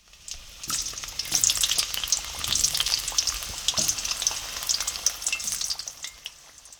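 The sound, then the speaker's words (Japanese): Steady crackling sizzle of food frying in hot oil, a dense hiss with sharp pops and spits scattered throughout, fairly loud and continuous with no voices. “油の温度が高いと焦げてしまいます。”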